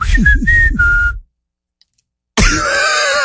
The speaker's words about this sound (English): do you hear like the noises that come with the whistle? It sounds great to me. It's like his throat is like making noises or something. Like, well, yeah, you have to like make underneath the whistle. You have to push the air